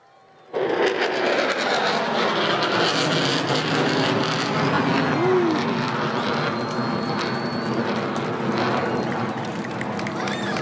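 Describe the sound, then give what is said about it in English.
A military jet roars overhead at Mindle Beach at sunset, a dense, loud, sustained engine rush that starts abruptly and holds steady for about ten seconds as it climbs vertically. “Plane coming towards us with the Mindle sunset in the background, and here it goes vertically up.”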